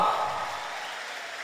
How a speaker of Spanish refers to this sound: Entonces un aplauso más fuerte para Él. ¿Estamos bendecidos por el Señor? Entonces un fuerte aplauso.